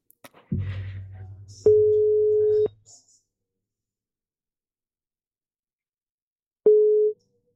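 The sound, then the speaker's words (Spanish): A telephone ringing tone sounds on the line as a phone call is placed: a steady, clear beep lasting about a second, a long pause, then a second tone that starts and is cut short, with a low rumble at the start. “Facemos chamada. A ver se nos colle, porque unha persoa que por veces lle gusta coller o teléfono, eh?”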